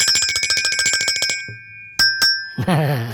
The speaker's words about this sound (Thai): ส่วนพี่คนนี้เราต้องดูแลอย่างดีเลยเขาโดนน้ำไม่ได้เดี๋ยวเขาเป็นสนิมเขาเป็นโลหะครับพี่กระดิ่งสีแดงนะครับพี่กระดิ่งหลบฝนดีๆนะนะ